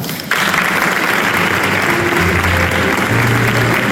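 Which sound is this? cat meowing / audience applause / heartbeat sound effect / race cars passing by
audience applause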